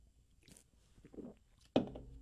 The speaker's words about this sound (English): Hang on, I need a sip here.